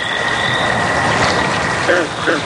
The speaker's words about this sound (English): Then, finally one night... the good old American toad. All right, it is the most common species around, but at least it's a start.